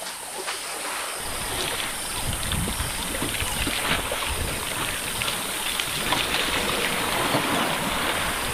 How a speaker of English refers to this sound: After quenching their thirst, elephants are ready to enjoy a shower, or could even go for a swim if the water is deep enough.